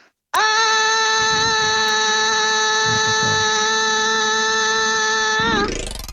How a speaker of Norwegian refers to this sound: Har du noe trapp eller noe sånt? Ja, opp til andre etasje. Bare høre ekko i trappa der også, da, hvis du kan bare ta og skrike en gang opp der.